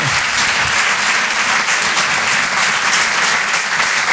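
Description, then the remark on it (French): A comedy club audience at the Rire et Chanson Comedy Club gives loud, sustained applause for comedian Nick Coucou, a dense steady wash of many hands clapping with no pauses and no voices standing out. “On peut l'applaudir très très fort, s'il vous plaît.”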